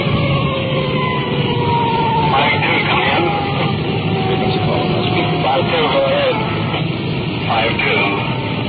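A loud police car siren wails continuously as the car runs code 3 through intersections to a call, its pitch sweeping up and down over steady road and engine rumble, with occasional bursts of noise cutting through.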